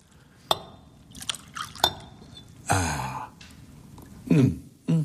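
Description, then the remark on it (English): Glass clinks a few times, then brandy is poured briefly from a bottle into a glass, followed by a couple of short breathy sighs. Fairly quiet, with no talking. “May I pour you one? Indeed, you may.”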